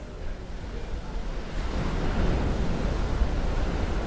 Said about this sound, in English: We're in the middle of the Atlantic at the moment, and there are not a lot of streams to work with. So we're listening to this surf.